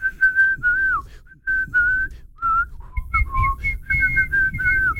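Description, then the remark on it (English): A person whistles a string of wandering, random notes, no real tune, with brief pauses and pitch dips, over a low rumbling background. “No talking, just sending voice notes of whistles.”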